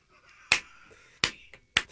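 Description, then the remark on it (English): Three crisp, fairly loud finger snaps land at a roughly steady pace over a faint sustained background tone, with no talking. “See, snaps would be better than this.”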